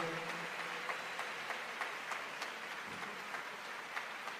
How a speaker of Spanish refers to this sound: Dale ese aplauso al Espíritu Santo.